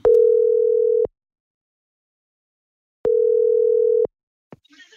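Two steady one-second ringback tones about two seconds apart, loud, the familiar sound of an outgoing phone call from P4 radio waiting to be answered, followed by a brief click and rustle.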